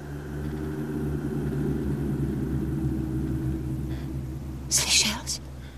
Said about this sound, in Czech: Někde v horách bouří.